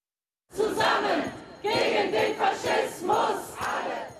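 A crowd of thousands of protesters at the Brandenburg Gate in Berlin, Germany, chants anti-fascist slogans loudly in unison, with rhythmic repeated phrases rising and falling after a brief silent start. The protesters hold anti-far-right placards, applaud and call for a ban of the AfD party.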